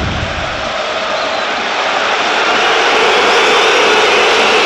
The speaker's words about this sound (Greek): Η αποδοκιμασία για τον Πέρτο.